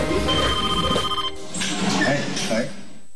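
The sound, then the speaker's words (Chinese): A telephone rings in two bursts of bright, steady electronic tones, about a second each with a short gap between, clear over a faint murmur of background sound; a call from Xuzhou in June 2015. “2015年6月，一通来自徐州的电话带来了挑战。”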